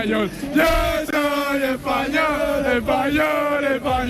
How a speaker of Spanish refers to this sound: Pues la fiesta sigue a tope aquí, la gente grita viva España todo el rato